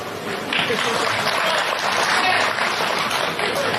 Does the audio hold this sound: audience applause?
yes